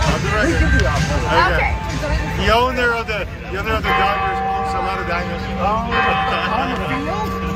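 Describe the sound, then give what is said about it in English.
A sustained ringing bell tone played through a large stadium public-address system at a Padres baseball game, steady and moderately loud, over a constant murmur of crowd chatter in a big echoing space. “And then, you know, they're playing the bell and, hey, we're here in Padres.”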